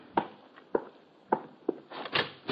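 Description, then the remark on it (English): Knocking on a hotel room door at almost 11 at night: several soft, dull thuds land at a slow, uneven pace, then a quicker rough cluster at the end, with no voices. “It's almost 11 that night when there's a rap on my door.”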